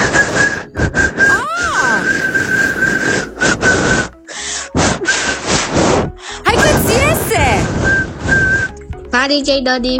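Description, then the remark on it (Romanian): A nine-year-old girl from Bucharest imitates a whistle, producing a steady high tone in repeated bursts with short breathy gaps, mixed with speech-like sounds, loud. “Și ce, cum să imit eu fluieratul acela este așa.”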